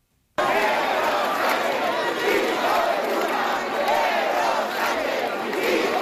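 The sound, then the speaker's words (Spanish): A large protest crowd at a rally in María Pita square, A Coruña, Galicia, led by Partido Popular and Vox, shouts chants together, including insults at the president of the government and cries of "Sánchez a prisión", a loud, dense roar of many voices that swells and falls in rhythmic waves and never lets up. “Concentraciones como la de María Pita en A Coruña, en la que se han escuchado insultos al presidente del gobierno y gritos de Sánchez a prisión.”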